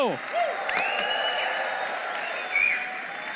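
A crowd claps steadily in a dense, continuous wash, with rising shouts and a few high whistles cutting through the applause before it carries on at an even level.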